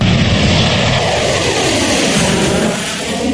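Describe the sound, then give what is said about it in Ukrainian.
A loud, steady roar of military aircraft passing overhead, Russian Tu-95 and Chinese H-6K bombers escorted by fighters on joint patrol over the Pacific Ocean and the Sea of Japan; a dense rushing engine noise holds for a few seconds and eases only slightly toward the end, with no voices. “Російські бомбардувальники Ту-95 та китайські Н-6К разом патрулюють у Тихому океані. Їх супроводжують винищувачі, летять, зокрема, над Японським морем.”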